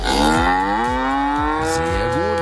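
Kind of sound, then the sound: animal, cattle mooing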